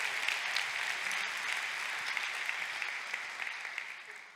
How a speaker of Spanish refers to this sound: Date otro aplauso ahora tú. Date un aplauso.